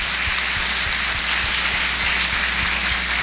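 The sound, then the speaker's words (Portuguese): A crowd applauds the companions who accompanied the catechumens at a church ceremony, in a steady, dense wash of clapping that holds at an even loudness throughout, with no voices heard. “Uma forte salva de palmas para vocês, nossa gratidão.”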